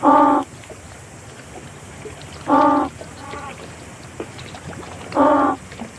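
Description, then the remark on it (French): Penguin calls during an acoustic playback experiment at sea: the first calls are played from a loudspeaker, then the observed penguin group answers. There are three loud, nasal, harmonic bursts about every two and a half seconds, with fainter answering calls in between over a steady background hiss. “ensuite, on entend le groupe de manchots qu'on était en train d'observer et de tester répondre”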